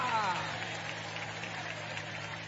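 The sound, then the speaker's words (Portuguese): A crowd of believers, hands raised, claps steadily for the name of God in a dense, continuous wash of applause, with a brief voice at the very start fading under the clapping. “Quem crê que Deus existe, levante a mão e aplaude o nome dEle.”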